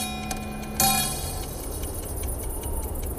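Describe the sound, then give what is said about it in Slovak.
A clock strikes twice for two o'clock at night, a faint first stroke followed by a louder, ringing second one that slowly fades into a quiet hiss. “Tento raz dve odbytia znamenajú dve hodiny v noci.”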